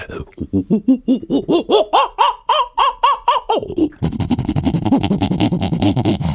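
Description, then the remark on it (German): A person vocally imitates an agitated prosimian: a fast, loud run of harsh, rising squawk-like calls, after which a voice starts talking. “Kannst du einen Halbaffen nachmachen? Halbaffe, kein Problem.”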